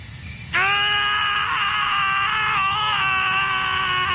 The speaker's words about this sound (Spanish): Sí, ahí están gritando nuestro par de protagonistas como agradecimiento por toda la publicidad gratuita que les dio la película White Castle.